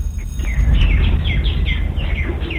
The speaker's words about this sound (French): et même les oiseaux sont complètement excités derrière … en ce moment